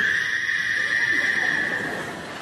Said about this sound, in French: En fait, je voulais mettre un hibou, mais j'ai pas trouvé sur Internet, alors... Alors j'ai mis une grenouille, bon, pour la peur.